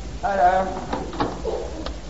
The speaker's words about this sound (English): I think I heard the back door. Listen up, first. Oh, jolly good, I did.